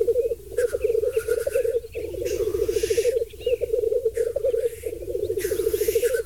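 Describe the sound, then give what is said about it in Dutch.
Black grouse at a mating display: a continuous low, bubbling cooing chorus rolls on without pause, broken now and then by harsh, hissing sneeze-like calls. “De vogel is wereldberoemd vanwege zijn uitbundige paringsdans. Die klinkt trouwens zo.”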